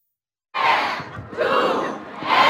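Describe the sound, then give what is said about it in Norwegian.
A large festival crowd erupts into loud, sustained cheering and shouting as the doors open to the public, swelling in waves after a brief silence, energetic with many voices yelling at once. “Og der åpnet dørene for publikum til Carpe World.”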